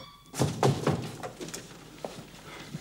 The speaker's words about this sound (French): Allez, clouez les planches. Ah, voici un marteau.